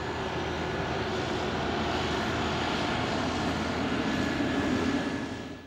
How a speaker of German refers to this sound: Das war eben ein Flugzeugstart, wie Sie ihn schon in der 3. Folge kennengelernt haben.